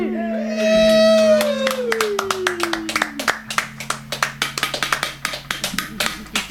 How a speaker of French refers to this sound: C'était la foule en délire.